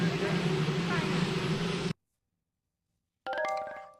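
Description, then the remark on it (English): Loud, steady helicopter rotor noise, a dense roar with a low droning hum, fills the first two seconds and cuts off abruptly into silence before a brief burst of tonal sound. “She said later to an outlet that she might have misheard some of that, helicopter noise, et cetera.”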